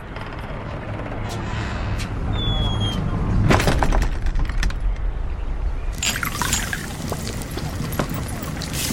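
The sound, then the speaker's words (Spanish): Liquid pours into a cauldron in two splashing bursts, a trickling rush around the middle and another later on, over a steady low rumble with faint clinks of glassware. A man pours liquids into a cauldron in an alchemy laboratory while making notes in a notebook. “Él vierte líquidos en un caldero y hace anotaciones en un cuaderno.”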